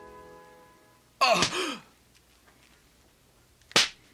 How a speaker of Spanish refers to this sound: Primero 13 latigazos le hirieron el pecho a Pablo. Luego 13 más le laceraron el hombro izquierdo. Finalmente 13 más le rasgaron el hombro derecho. Los latigazos le cortaron la espalda y el pecho profundamente.